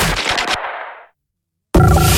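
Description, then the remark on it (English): A loud, rapid burst of gunfire in Richmond rattles off in quick succession, then rings out and decays into total silence before another dense, loud passage abruptly cuts in. “Gunfire in Richmond.”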